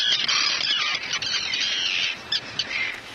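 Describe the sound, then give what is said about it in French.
Harsh, high-pitched cries of common terns, migratory birds also called sea swallows, overlapping continuously, a noisy colony calling with shrill squealing notes and no one speaking. “Les cris des sternes Pierre Garin, qu'on appelle aussi hirondelles de mer.”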